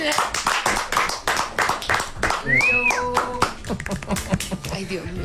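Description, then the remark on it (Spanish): Steady, sharp hand claps repeat at a quick even rhythm, fairly loud, while a voice speaks over them with a brief rising pitched tone in the middle. “Yo voy a aplaudir, huevón.”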